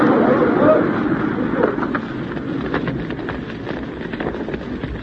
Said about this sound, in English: We lost the warehouse. There goes the building.